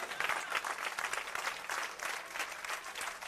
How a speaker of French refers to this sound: Est-ce qu'on veut pas avoir un grand applaudissement à ce soir?